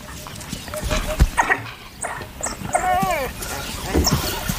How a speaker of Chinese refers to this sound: 一只非洲野犬在巡逻途中发现了一只刚刚捕获猎物的花豹， 他正在召唤其他非洲野犬来帮忙。